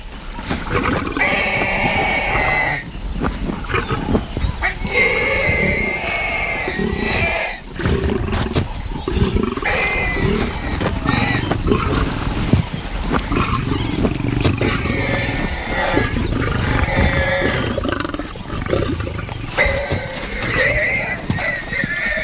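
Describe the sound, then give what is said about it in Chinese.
Three lions roar and snarl steadily as they struggle to pull a warthog out of its burrow, with harsh rasping growls and high squeals that rise and fall in bursts, the commotion barely pausing. “油猪的耐力很强，需要3只狮子用尽全力才能把它拉出来。”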